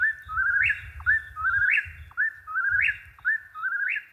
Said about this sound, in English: Now, I want to play a little bit here of the whippoorwill because we were talking about the sound that they make. So this is what they sound like.